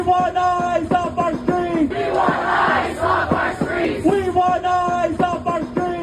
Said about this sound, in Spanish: Sus simpatizantes aplaudieron sus declaraciones.